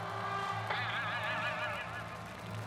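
A duck quacks in a steady stream of nasal, honking calls, fairly loud, with a constant low background hum and no one speaking.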